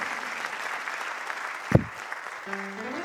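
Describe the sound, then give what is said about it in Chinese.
Steady audience clapping, a dense crackling patter of many hands sustained throughout, with one sharper knock partway through and a faint tonal hum creeping in near the end. “不管你念就拍手哦，谢谢。”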